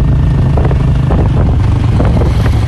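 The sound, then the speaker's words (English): A motorbike engine drones steadily while wind buffets the microphone, a loud continuous low rumble throughout with no voices, as a woman rides her motorbike from her home to her farmland, where she grows durian and bananas, in Prux Phi Village in southwest Cambodia. “rides her motorbike from her home to her farmland, where she grows durian and bananas.”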